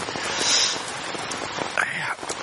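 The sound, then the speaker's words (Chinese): Heavy rain falls at night in a continuous, even hiss with a soft patter, leaking through the roof, with a brief faint vocal sound rising partway through. “一下雨啊，这脑壳就疼，疼得睡不着，老毛病。”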